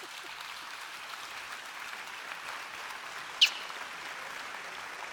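Steady crowd applause, a dense, even patter of many hands clapping at moderate volume for the whole stretch, with one sharp click standing out partway through and no voices.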